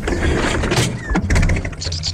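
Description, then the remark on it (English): An old car engine sputters and coughs, a loud, uneven run of pops and bangs over a low mechanical rumble, with a brief whine rising partway through. “What a funny noise it's making. Well, she's only talking. Talking? Yes, all engines talk to you, especially when you get to know them.”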